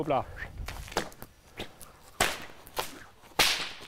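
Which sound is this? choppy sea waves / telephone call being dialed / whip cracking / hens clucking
whip cracking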